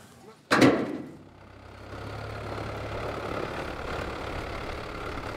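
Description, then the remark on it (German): A sharp metallic clunk sounds once near the start, then the engine of a French-built boat made for oyster fishermen, carrying oyster farmers from Sylt out to the oysters, settles into a steady, low, rumbling idle that continues unchanged to the end. “Die Männer der Sylter Austern Company brechen wieder zu den Austern auf. Dieses Mal aber mit Boot.”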